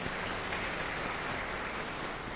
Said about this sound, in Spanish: A todos los de la liturgia, muchísimas gracias también y le damos un fuerte aplauso.